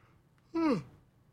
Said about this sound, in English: If anyone's listening, call in and tell me if you yawned or not. I'm going to see if the yawning thing works without having to see the face of the yawner. If you know what I mean. You know, like when someone yawns and then you yawn.